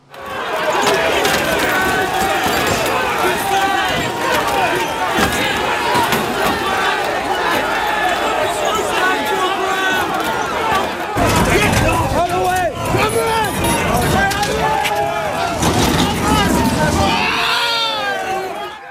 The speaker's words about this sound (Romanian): Mulțimea furioasă a aruncat cu sticle, cărămizi, pubele și alte obiecte în polițiști.